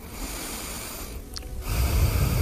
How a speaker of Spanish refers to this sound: Quiero oír tu respiración, ¿eh? ¿Cómo es la tuya?